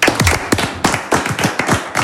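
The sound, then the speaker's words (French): Six game contestants clap their hands in loose, uneven rhythm, with sharp, bright slaps overlapping steadily for about two seconds, at a café during the radio game Pas de gâteau pour les battus on Ici Picardie. No one speaks. “Je crois qu'on peut entendre vos 6 candidats applaudir,”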